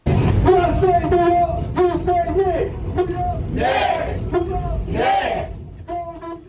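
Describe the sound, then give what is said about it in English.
A packed New York subway car of Knicks fans, led by the train conductor, cheering and chanting together in loud, rhythmic bursts after the Knicks' Game 4 NBA Finals comeback win over the San Antonio Spurs; voices echo in the car with a constant low rumble underneath. “That was a subway car full of New Yorkers cheering on the Knicks, led by the train conductor.”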